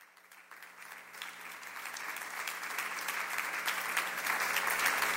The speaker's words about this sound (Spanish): Sígale dando palmas a Jesucristo, porque Él es nuestra fuerza.